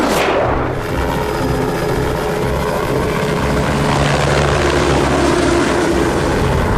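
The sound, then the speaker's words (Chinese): A monitoring drone's propellers buzz steadily and loudly in thick fog, a constant whirring drone with a slightly rising pitch at the start, no voices present. “有架无人机的信号消失了， 快调取另外几架无人机的监测画面，看看有没有拍到什么。”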